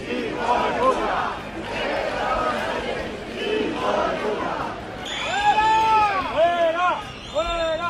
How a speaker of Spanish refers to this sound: Gritos a Sánchez a la llegada y a la salida del desfile.